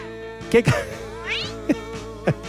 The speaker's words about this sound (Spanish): Gato, ¿estás enojado?